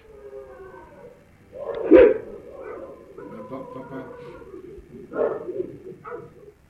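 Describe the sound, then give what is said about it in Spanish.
Several dogs bark and yelp excitedly, with sharp bursts around two seconds and again near five seconds over a restless, whining background, no talking. “Pero, ojo, antes de que se escuche todo el lamento, los perros empezaban ya a alocarse.”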